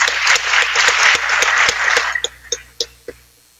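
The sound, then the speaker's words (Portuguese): A crowd applauds for the institution Araxá, with university students and teachers present, in a dense burst of clapping for about two seconds that thins out to a few scattered individual claps before fading away. “todos os universitários aqui, os professores, queria uma salva de palmas ao Araxá.”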